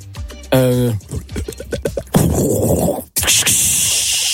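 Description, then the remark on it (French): Sparkling water poured into a glass: a steady fizzing, splashing hiss lasting a couple of seconds, with a short break midway, after a brief voice and some clicks at the start. “Ça c'est de l'eau gazeuse, pour verre.”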